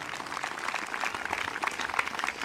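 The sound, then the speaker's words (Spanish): A church audience applauding steadily for the Lord during an evening service, a dense patter of many hands clapping at even loudness throughout, with no voices over it. “Dele fuerte ese aplauso si es para el Señor en esta noche.”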